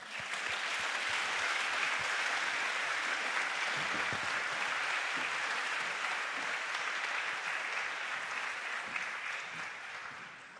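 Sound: audience applause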